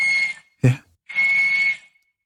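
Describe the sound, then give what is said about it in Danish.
A walrus whistles on land in Svalbard: two long, steady, shrill tones about half a second apart, with a brief low thud between them. Fairly loud, with no talking. “Det er en valros.”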